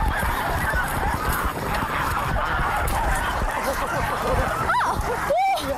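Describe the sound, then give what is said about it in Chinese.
Domestic white geese honk as one is being caught, a couple of loud, strained calls standing out near the end over a dense, steady background of flock commotion and rustling. “啊，抓了一只大白鹅，特别轻松就抓着了。”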